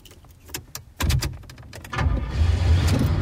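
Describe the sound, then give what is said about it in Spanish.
A few sharp clicks and a thud are followed by a car engine rumbling to life and running steadily and fairly loud, like a vehicle setting off. “Por la mañana en el coche.”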